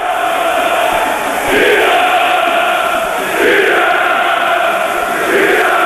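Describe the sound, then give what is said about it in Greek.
A large stadium crowd of Iraklis football fans roars and applauds continuously during the Volos vs Iraklis match as the ball reaches goalkeeper Athanasiadis, the dense noise swelling in loud waves roughly every two seconds, with no clear voices standing out. “Η μπάλα περνάει από όλους στην αγκαλιά του Αθανασιάδη υπό τα χειροκροτήματα και τις επιθυμίες των φιλάθλων του Ηρακλή.”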